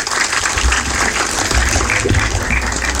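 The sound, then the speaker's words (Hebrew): An audience in Ashdod applauds a singing contestant steadily, a dense, loud wash of many hands clapping that holds evenly for the full three seconds with no voices standing out. “תודה רבה, בהצלחה, מירות כפיים.”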